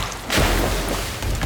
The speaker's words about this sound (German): Schüsse peitschen durchs Wasser. Irgendjemand hat es offenbar eilig.